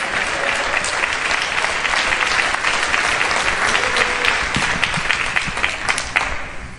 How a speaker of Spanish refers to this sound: Oh, ¿quién le da un aplauso al Dios Todopoderoso?